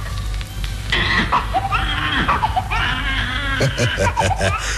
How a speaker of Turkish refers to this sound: 18 Nisan 1906 Boston, Birleşik Amerika. Yalnızca zenginlere özgü hastahanede doktor yeni doğan çocuğun ayak bileklerinden tutup poposuna vurunca bebek ağlamaya başladı.